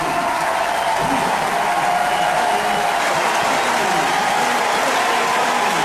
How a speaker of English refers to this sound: And now Freddie Fermin gets a nice hand from the Royals fans.